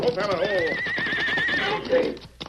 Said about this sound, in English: That horse is running away. He kept his way. Stop him. Come on, Silver. Get him up, scout. Horse not have rider.